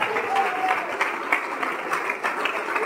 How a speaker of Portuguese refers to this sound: Vamos aplaudir o Senhor Jesus. E tem mais gente chegando. Vamos aplaudir mais ainda.